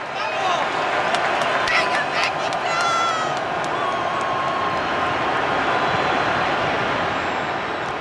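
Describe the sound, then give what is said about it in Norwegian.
A big football stadium crowd of home fans roars steadily and loudly throughout, a dense wall of fan noise with whistles and shouts piercing through near the middle, during an England versus Mexico match with England leading 2-1 after 54 minutes. “Mens en svært skuffet Jarrell Konsa trøstes av medspillerne av banen, men hør på hjemmefans.”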